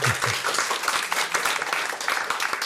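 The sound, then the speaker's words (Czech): An audience bursts into steady applause, a dense wash of many hands clapping at once with a crisp, hissy texture that holds at an even, fairly loud level throughout. “A to je na potlesk.”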